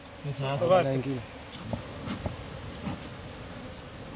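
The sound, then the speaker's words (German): Honeybees buzzing around beekeepers' hives in a mangrove forest: one passes by with a loud, wavering drone for about a second, then fades into a faint outdoor hum broken by a few soft clicks and taps. “Die Bienen versorgen die Imker mit Honig und schrecken Holzhändler ab, die sonst hier Mangroven fällen würden.”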